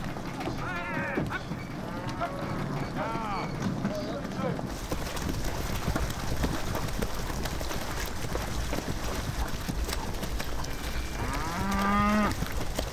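Cows low repeatedly in long, wavering moos, several animals calling over a steady rush of outdoor noise and splashing movement as they are driven at low tide from the mainland onto the Halligen islets, with a loud moo near the end.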